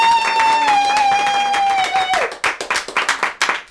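A sustained high-pitched whoop holds steady, then slides downward as an audience breaks into brisk, loud clapping that continues in quick, uneven bursts to the end.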